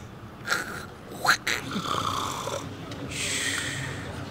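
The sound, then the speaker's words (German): A person imitates loud snoring with their voice, producing rough, rasping snorts and drawn-out wheezy breaths over a few seconds, fairly loud. “Oh je, ganz schlimm. Wie eine Säge. Könntest du mal vormachen?”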